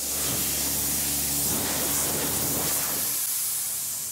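A steady, loud hiss of compressed air blowing dust out of a combine harvester during its morning cleaning, broad and continuous with a low engine hum beneath, easing off near the end. No one speaks.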